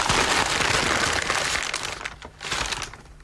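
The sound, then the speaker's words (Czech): Continuous crinkling and rustling of tissue paper as an object is unwrapped, dense and steady at first, then a brief pause and another burst of crumpling before it fades. “Hervávným papírem. No, tak to vybal. Co? No, vybal to.”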